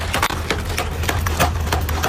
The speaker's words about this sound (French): Ces bruits de pas, ce sont ceux des jambes d'acier d'un robot humanoïde poursuivant des sangliers en hurlant, encouragé par son propriétaire.